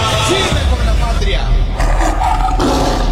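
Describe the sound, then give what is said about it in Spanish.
A tiger roar sound effect in a Colombian presidential campaign ad for Abelardo de la Espriella: a loud, deep, rumbling growl that fills about three seconds without pause and swells in a couple of raspy surges. “Voy a hacerlos sentir orgullosos de apoyar al tigre.”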